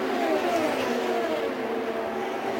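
A race car's engine whines steadily and loudly, its high-pitched drone dipping slightly in pitch as it passes: Castroneves's fourth-place car crossing the line. No voices are heard over the continuous roar.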